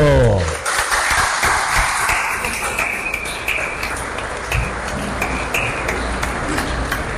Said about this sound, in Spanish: El número que se lleva la Virgen, el Inmaculado Corazón, es 71M. Ahí está, un aplauso.